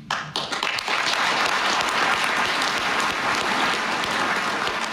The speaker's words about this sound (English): That applause went on for a couple minutes, if I remember correctly, or at least it felt like a couple minutes. It was so moving.